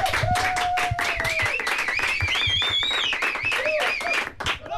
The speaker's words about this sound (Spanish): Un aplauso fuerte para vosotros.